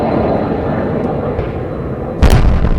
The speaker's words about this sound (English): The sounds of missiles and explosions could be heard from NPR's Kyiv bureau for several hours overnight. Ukraine's Air Force said Russia launched nearly 70 missiles and more than 350 attack drones.